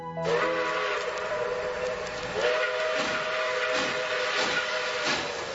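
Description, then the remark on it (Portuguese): A steam locomotive's whistle holds a sustained, steady tone while loud steam hisses and chuffs pulse rhythmically beneath it, continuous throughout, with no talking, as the train crosses the mountains of Minas Gerais. “É, ouvinte, a Maria Fumaça já vem cortando as montanhas de Minas Gerais.”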